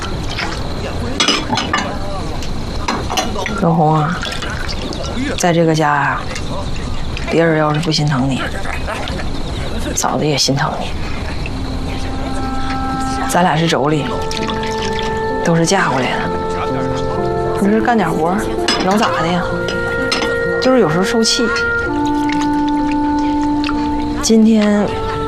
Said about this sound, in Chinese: 嫂子，我来，我来，我来洗碗。哎呦我的妈！别别别，这划手，划手，划手！你今儿都做饭了，我洗碗呗。